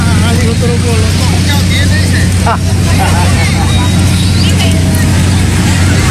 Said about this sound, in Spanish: Aquí está, en el local de cierre de campaña de Keiko Fujimori en Huarmey, lucía así. Nadie, no había nadie, miren ustedes. Luego, hasta que aparecieron los colectivos con ómnibus. Ahí va.